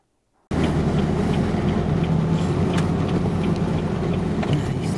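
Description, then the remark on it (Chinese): A military truck's engine starts up suddenly and runs loud and steady, with low rumbling and rattling bumps, as it carries relief supplies over damaged, rough roads into a disaster area on Mindanao, Philippines, hit by earthquakes and heavy rain. “军用卡车装载赈灾物资深入灾区，沿途道路受损崎岖”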